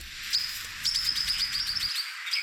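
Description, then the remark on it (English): Critically endangered swift parrot calls at Lake Cadai, south of Port Macquarie, on a rainy morning: thin, high-pitched chirps repeating in quick, clipped bursts over a faint airy hiss, with no voices. “Twitcher James Bennett was out searching for critically endangered swift parrots at Lake Cadai south of Port Macquarie recently.”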